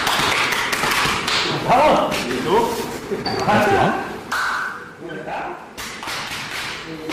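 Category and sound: impact, hard back slaps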